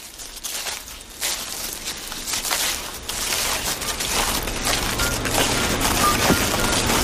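A dense chorus of frogs or toads calling, heard from close by: countless rapid clicks and crackles overlapping into a continuous, fairly loud rattling texture that builds slightly over the seconds, with no one talking.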